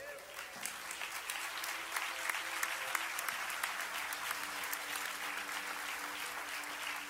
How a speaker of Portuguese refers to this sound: Podem tomar os seus lugares e podem glorificar Jesus com suas palmas.